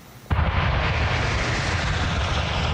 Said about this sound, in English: That familiar roar of a flyover in formation will soon be coming to an end as Canada's snowbirds prepare for what will now be their summer swan song, at least for now.